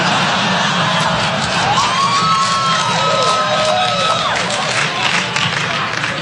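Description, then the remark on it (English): An audience in San Jose cheers and claps steadily throughout after being asked to clap if they own a gun, with a dense wash of clapping, shouts and whoops, and a brief high whistle rising above the noise midway. “Clap your hands if you own a gun.”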